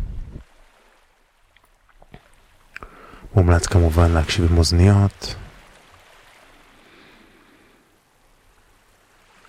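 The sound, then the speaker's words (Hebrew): A soft, steady wash of sea waves runs underneath, swelling gently, while a woman speaks briefly over it in the middle. “אז בואו נשים לנו קצת ככה את השכבה הראשונה של צלילים של הים. כבר ברקע.”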